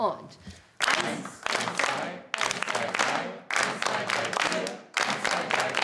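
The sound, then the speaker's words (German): A group claps together in time during a rhythm exercise, in dense, loud bursts, each lasting just over a second with brief breaks between them, forming a repeating pattern. Faint voices may sit underneath the claps. “Die Gruppe soll in dieser Rhythmusübung gemeinsam im Takt klatschen.”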